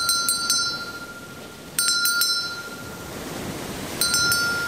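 A ship's bell rings out in quick bursts of strikes, a cluster at the start, another in the middle, and a final clang, each bright tone lingering over a low, rumbling background.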